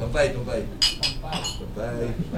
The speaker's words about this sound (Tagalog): Pero bago yan, toast muna tayo para sa second year anniversary ng aking programa.